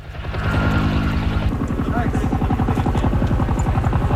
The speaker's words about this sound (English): In Greece, helicopters drop water on a blaze that broke out overnight and has grown rapidly.